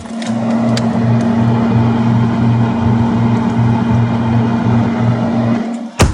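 A boat engine drones steadily and loudly with a low pulsing throb throughout, then a single sharp slam of a boat cabin door cuts in right at the end.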